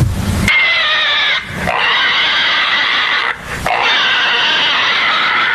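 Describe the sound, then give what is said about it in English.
A person squeals loudly like a pig: long, shrill, strained cries, broken by two quick gasping breaths into three sustained bursts. “Bark like a dog. Squeal like a pig.”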